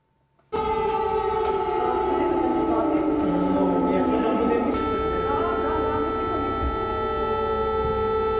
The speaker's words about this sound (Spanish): En las escuelas ucranianas ya no se escucha el timbre que anuncia el inicio de las clases, sino las alarmas que alertan de los ataques rusos. Alumnos y profesores bajan a los refugios para continuar las lecciones y los ensayos.